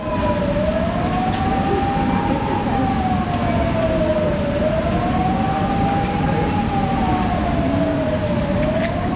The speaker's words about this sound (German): Mein Bruder hat gesagt, man muss zählen immer die Sekunden, wie lange die Sirene geht irgendwie.